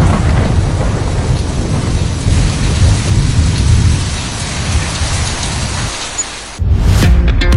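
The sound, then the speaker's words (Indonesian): Steady heavy rain pours down with deep rumbles of thunder rolling through, a brief lull near the end before a loud crack and downpour resume; no one speaks. “sebaiknya segera menjauh karena air merupakan penghantar listrik yang baik sehingga sangat berbahaya ketika ada badai.”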